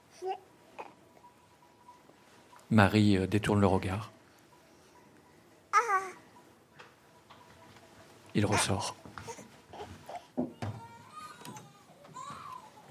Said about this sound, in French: Maman, le bébé pleure. Ça va pas durer, il faut le laisser.